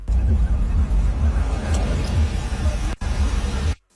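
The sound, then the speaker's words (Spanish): Steady, loud road traffic on Boulevard Alberto Limón Padilla, leaving Otay Industrial toward the Boulevard 2000 junction, from a phone video: deep engine rumble and broad roar of passing vehicles, heard as if played through a small speaker, with a brief dropout near the end and faint indistinct voices. “Es un video de lo que está sucediendo en el Boulevard Alberto Limón Padilla, saliendo de Otay Industrial hacia el entronque del Boulevard 2000, ya que te lleva a la caseta o al 2000.”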